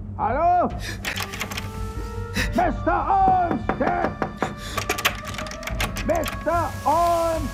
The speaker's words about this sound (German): Jetzt oder nie, dachte ich und begann, die Tür aufzubrechen. Es gelang mir recht schnell.